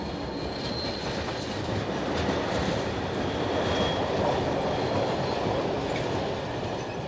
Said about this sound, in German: Zwischen Leobersdorf und St. Pölten verkehren sogar noch Nahgüterzüge mit Begleitwagen.